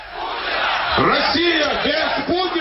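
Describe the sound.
A large protest crowd in Moscow in December 2011, more than 50,000 people demonstrating against fraud and corruption after Putin's legislative election victory, chants "A Russia without Putin" in unison, voices rising and falling in a steady rhythmic cadence over a constant loud wash of crowd noise.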